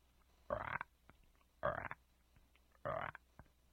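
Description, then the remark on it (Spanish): Three loud, raspy frog croaks, each a short buzzy burst, come at a steady, unhurried pace with quiet pauses between them and no talking. “¿Has oído cómo hacen las ranas?”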